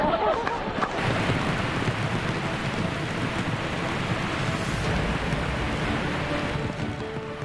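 Sudden, unforecast heavy rain pours down at the Dokkaebi waterfall site in Korea in a dense, steady hiss that stays constant and loud throughout, a broad wash of splashing water with no pauses.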